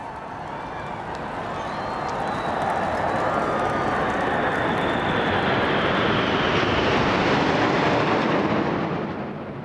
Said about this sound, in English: The royal family then assembled on the balcony of Buckingham Palace for the traditional flypast by RAF aircraft.